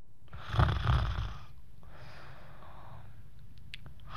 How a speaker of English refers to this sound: Play the snore. Play it.